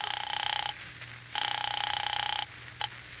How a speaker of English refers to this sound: Operator, how about my number? I'm ringing it now.